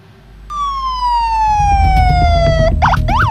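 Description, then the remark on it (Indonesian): An ambulance siren sounds loudly, a long descending wail that shifts into rapid rising-and-falling yelps over a heavy low engine rumble, as ambulances arrive at the site of an Israeli drone strike explosion near Al-Wafa hospital in Gaza City, Palestine. “Sejumlah ambulans berdatangan ke lokasi ledakan di dekat rumah sakit Al-Wafa, kota Gaza.”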